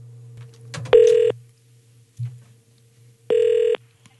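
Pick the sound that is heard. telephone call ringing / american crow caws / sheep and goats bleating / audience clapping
telephone call ringing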